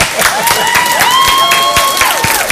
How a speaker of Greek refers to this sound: Εντάξει, ναι, πάρε λίγο χειροκρότημα τότε να έχεις.